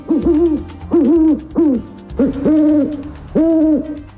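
An owl hoots repeatedly, about five rounded, tonal calls in a steady rhythm, loud, with no talking; a nature sound brought by the broadcaster Carlos de Ita.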